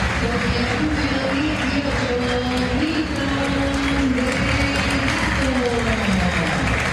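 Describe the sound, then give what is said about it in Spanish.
A large stadium crowd applauds the player Paredes steadily for several seconds, a dense, continuous wash of clapping and cheering with a faint wavering, voice-like drone running underneath. “Más aplaudido Paredes.”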